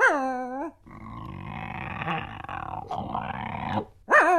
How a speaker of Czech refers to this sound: Teď se to pohnulo. To je nějakej velký pes. Snad nemyslíš, že je to ten doopravdický medvěd. Medvěd by bručel.